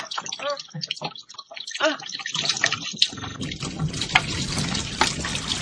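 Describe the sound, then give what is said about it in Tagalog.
Water runs steadily from a tap into a bucket, a continuous splashing rush that grows fuller, while people talk over it during the first couple of seconds. “Napuno ng balde.”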